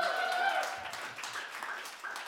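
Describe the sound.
An audience claps in a steady, dense wash of applause for the sound engineer, holding for a couple of seconds, with a few voices cheering over it at the start.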